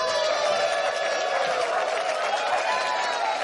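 A large crowd applauds and cheers steadily for Radio 1 presenter Dietmar Wischmeier, a dense wash of clapping with scattered whoops and shouts, loud and sustained throughout without pause.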